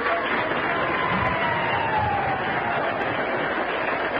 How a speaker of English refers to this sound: The legislature applauded Governor Safford, but did everything except profit by his example.